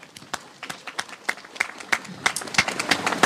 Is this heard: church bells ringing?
no